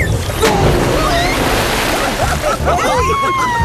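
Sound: water splashing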